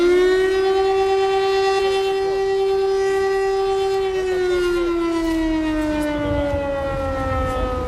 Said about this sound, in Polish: Przerywa mu alarm przeciwlotniczy.